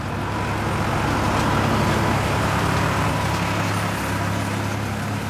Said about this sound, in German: Die Wiese ist frisch gemäht. Die Bäuerin auf dem Traktor wendet das Heu. Die Grünfläche steigt bis zum Ortskern von Lochau leicht an.